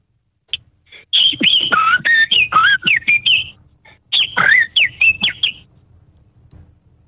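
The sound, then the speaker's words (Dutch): A person whistles a blackbird's song: two fluting, warbling phrases with rapid rising and falling notes, separated by a brief pause, with no talking. “Ik wil de merel wel even horen.”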